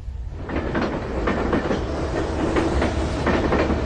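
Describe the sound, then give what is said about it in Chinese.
A train bound for Xinyang in Henan, China, rolls steadily along the rails, its wheels beating out a repetitive clickety-clack over a deep, continuous rumble. No one speaks. “在原子弹成功爆炸后的第三天，前三强坐上了开往河南信阳的列车，他改名为徐进，去农村参加劳动。”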